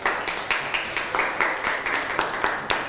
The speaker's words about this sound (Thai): เยี่ยมมากปรบมือให้เพื่อนหน่อยครับ